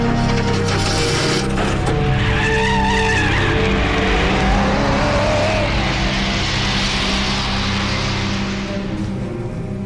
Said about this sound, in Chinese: 窗外很快有摩托车将尸体拖走了。